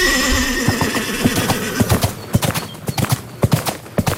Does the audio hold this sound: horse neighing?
yes